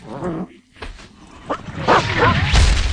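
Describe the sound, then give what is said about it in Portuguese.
A dog in a film trailer dubbed in Brazilian Portuguese whimpers and yips in a string of rising, whiny cries with a few short barks, over a low rumbling background that swells toward the end. “Dá para achar um cão? Pois, o cão não fala, não é?”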